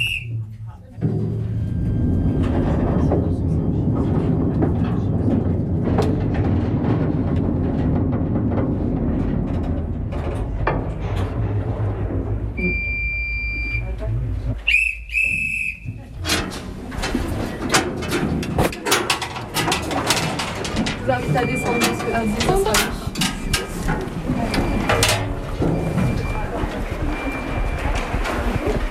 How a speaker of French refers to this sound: Et avec ce magnifique train, nous venons de parcourir 300 mètres de galerie sur les 4 km que comptent les ardoisières